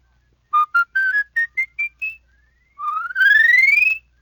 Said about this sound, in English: Now with your palate whistle, you can run a whole octave.